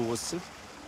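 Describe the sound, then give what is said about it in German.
Irrigation water flows steadily from an opened basin valve, a broad even hiss beneath a brief burst of speech at the start. “Schon fließt es in diese Richtung.”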